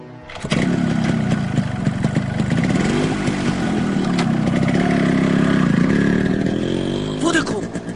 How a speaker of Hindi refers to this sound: वो देखो motorcycle start की है उसने, देखो भगत सिंह, वो देखो।